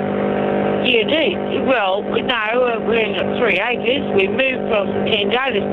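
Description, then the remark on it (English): A lawn mower engine drones steadily in the background, a constant mechanical hum running beneath a person talking over a narrow, phone-like line while mowing on a 3-acre property. “Sounds like you're on a tractor.”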